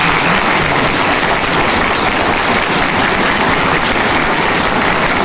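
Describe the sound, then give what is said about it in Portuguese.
A church audience claps steadily for several seconds to welcome new members, a dense, even wash of many hands at constant loudness with no voices breaking through. “Uma salva de palmas.”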